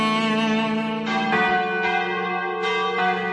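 Church bells ring out in a rich, overlapping peal, with fresh strikes arriving roughly every second over a sustained, humming resonance. The ringing is loud, with no voices.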